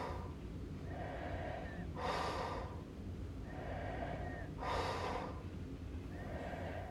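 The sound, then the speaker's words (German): Faint borderline snoring: slow, regular sleep breaths with a light whistling hiss on each inhale and a breathy rush on the exhale, repeating about every three seconds, quiet. “Dies ist ein Grenzfall von Schnarchen, denn das vollklingende, im Schlaf erzeugte Schnorcheln, Krächzen, Schaben oder Würgen ist hier sehr schlecht ausgeprägt.”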